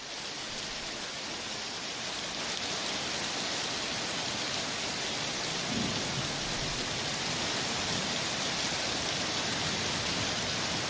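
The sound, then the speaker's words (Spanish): Heavy rain pours down in Choluteca in a steady, dense hiss that stays loud and unbroken throughout, with a faint low rumble briefly rising midway beneath the downpour; the downpour floods several streets. “Sin embargo, el fuerte aguacero provocó acumulación de agua en varias calles, generando inundaciones.”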